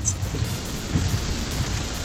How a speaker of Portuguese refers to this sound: Agora caiu pé d'água. Agora o dilúvio já tá pronto, dilúvio. Olha o barulho, ó.